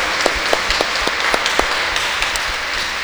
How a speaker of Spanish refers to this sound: Y le damos un fuerte aplauso